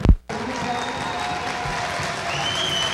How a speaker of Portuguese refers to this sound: Felipe Cruz, saindo do Maranhão. Os dois saem aplaudidos, né? Fizeram grandes jogos.